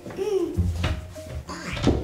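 A child jiggles and tugs a safety door handle in several dull knocks and rattles, trying to open the door, which stays shut, with brief childish vocal sounds.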